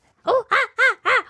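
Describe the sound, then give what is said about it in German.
A voice imitates a monkey with four loud, evenly spaced hooting calls, each rising and falling in pitch, with brief pauses between them and no other talking. “Gib mir mal dein bestes Affengeräusch.”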